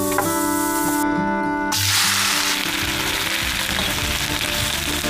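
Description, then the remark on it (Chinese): Steady sizzling of chicken stir-frying in a hot pan in a Tibetan home, a dense crackling hiss that continues throughout with faint clatters of stirring and no talking. “鸡已经炒好了，特别香，我们现在放到石锅里面去。”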